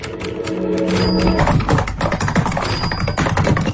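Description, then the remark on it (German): Rapid, steady clatter of keyboard keys being typed, fairly loud, with a faint tonal hum or music underneath and no voices. “Tippen, Tasten”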